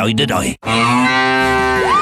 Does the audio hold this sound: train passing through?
no